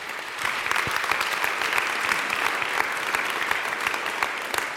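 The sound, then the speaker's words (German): An audience claps steadily for several seconds to welcome the rector of the music college onto the stage, a dense wash of many hands that stays fairly even in loudness throughout, with no one speaking over it. “Großen Applaus an dieser Stelle.”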